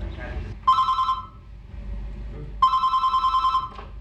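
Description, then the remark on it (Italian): A telephone of an AIDS counselling info line in Ticino rings twice, each burst a rapid electric trill of about half a second to a second, loud, separated by a short pause over a faint low background murmur. “In Ticino si è cominciato con un numero telefonico, con una consulenza contro l'AIDS. 581717, linea di info.”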